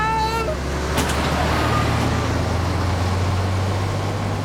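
A heavy truck engine rumbles loudly and steadily, its deep low drone filling the whole stretch. A brief tonal voice-like sound appears at the very start.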